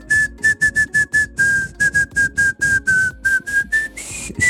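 A person whistles the catchy pop-style melody of a hit song, with a quick rhythmic run of short repeated notes followed by a few longer, rising tones, no talking over it.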